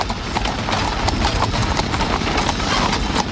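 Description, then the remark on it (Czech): Steady clip-clop of the hooves of horses pulling a horse-drawn omnibus in Prague, a brisk, even rhythm of sharp knocks on a hard surface over a continuous low rumble of rolling wheels, loud throughout with no voices. “Postupně byly omnibusy vytlačeny koněspřežnou a elektrickou tramvají.”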